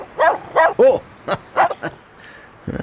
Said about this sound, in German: Wuff, wuff, wuff.